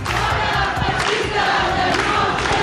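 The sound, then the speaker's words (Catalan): A large protest crowd chants together in the streets, a loud, steady roar of many voices with rhythmic surges and shouted cries rising above the dense wash of sound. “Milers de persones, 3.000 segons la Policia Nacional, recorren els carrers de Palma en aquesta hora sota el lema "Facem de l'habitatge un dret".”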